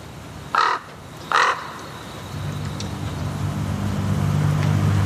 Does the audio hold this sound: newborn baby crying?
no